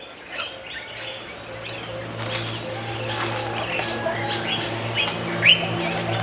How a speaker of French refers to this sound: J'entends un aigle prononcer ces deux syllabes crissantes.